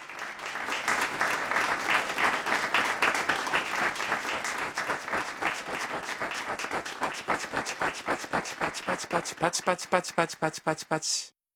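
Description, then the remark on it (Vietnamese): A group applauds in a dense, steady patter of hand claps that gradually thins into fewer, sharper individual claps before stopping abruptly. “Đây là một từ tượng thanh dùng để diễn tả tiếng vỗ tay.”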